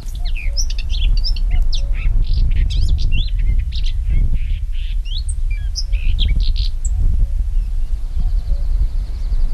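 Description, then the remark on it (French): Many small birds sheltered in hedgerows beside a vineyard chirp and twitter busily, overlapping high calls over a steady low rumble of wind or handling noise, with no one talking. “Et on peut entendre, si on arrête de parler un instant, les oiseaux qui sont abrités dans ces haies.”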